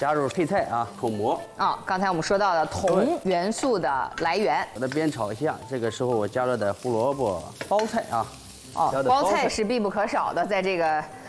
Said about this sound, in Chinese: 好，这个时候呢，咱们开始加入什么呢？可以加点葱花啊，爆一下， 后炝锅一下。 对，把葱香味给它炝出来。烫香葱花以后，咱们开始。